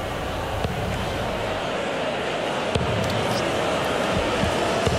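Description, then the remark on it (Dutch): A few sharp, irregular thuds of practice darts, thrown by players on a stage, striking a dartboard, spaced a second or two apart, set against a steady wash of background noise and crowd murmur. “Ja, de heren hier hebben nog wat pijlen losgegooid op het podium.”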